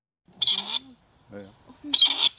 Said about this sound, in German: Dann könnte der Ruf des Rebhuhns künftig auch an mehr Orten in Deutschland wieder regelmäßiger zu hören sein.